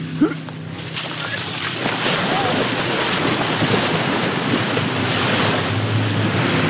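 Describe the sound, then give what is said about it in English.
Lake waves wash steadily against the beach at Bayside Park around 1:30 at midday in peak heat, in a continuous, rushing hiss, with gusts of wind buffeting the microphone throughout and no voices. “the brave little state team takes an excursion to the lake”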